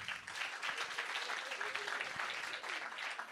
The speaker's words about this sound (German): Das war mitunter der beste Applaus heute Abend. Scheinbar ist das die erfreulichste Tatsache, mich nicht zu kennen.